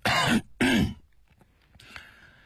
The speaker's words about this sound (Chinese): 也许因为看不见儿子的表情反应，钱谦益有一点着急，他咳嗽一声加重了语气。